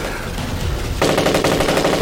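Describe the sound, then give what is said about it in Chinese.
Rapid machine gun fire from Japanese soldiers in a night attack erupts about halfway through, a dense stream of sharp, evenly spaced loud shots, following a stretch of low rumbling background noise. “你听鬼子的枪声”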